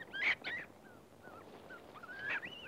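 A monkey calls in the jungle: two sharp, shrill squeals, then thinner whistling cries that rise again near the end. Moderately loud, with no talking.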